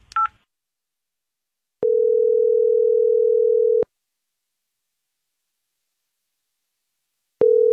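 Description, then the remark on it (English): A phone call to a man's cell phone ringing out: a brief dialing blip, then a steady electronic ringback tone lasting about two seconds, a long silent gap, and the ring starting again. Clear, with no voices. “I'm going to call his ass out.”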